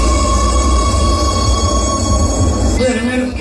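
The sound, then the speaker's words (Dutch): Inside a metro train in Oslo as the doors close: a loud, steady rumble with a sustained electronic warning tone, then an abrupt shift near the end as the doors shut. “De deuren gaan sluiten in de metro in Oslo.”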